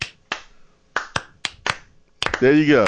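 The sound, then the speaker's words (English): People in Knoxville clap together in unison after a countdown, about six sharp, crisp beats with an uneven rhythm, then a loud voice begins talking over the final second. “We'll clap together in unison.”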